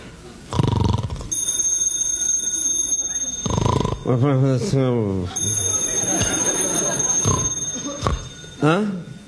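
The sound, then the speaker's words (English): A telephone rings loudly in two long, shrill electronic bursts while a voice exclaims in between and after the rings. “That's a phone. Who'd be calling me in the middle of the night?”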